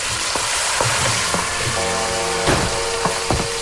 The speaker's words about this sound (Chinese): 日暮西山，炊烟袅袅。在许振华家中，妻子带着孩子们正在准备晚饭，锅碗瓢盆叮叮当当，演奏着一曲幸福的交响。